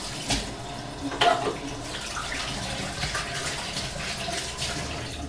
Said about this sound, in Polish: Jeszcze umyję sobie ręce.